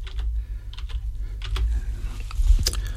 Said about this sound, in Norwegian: Lad os lige se, jeg skal lige have fat i den, det næste stykke papir.